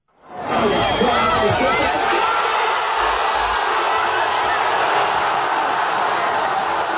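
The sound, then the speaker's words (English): A large crowd in Gaza, watching a football game on giant outdoor TV screens, erupts into a loud, sustained roar of cheering and shouting that swells within half a second and holds steady, a dense wall of many voices without pause. “where thousands and thousands of people have crowded among the ruins of Gaza City, Deir al-Balah, and in Al-Mawasi in the south to watch key games on hastily erected giant outdoor TV screens.”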